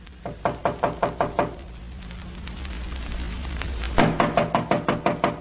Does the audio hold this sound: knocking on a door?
yes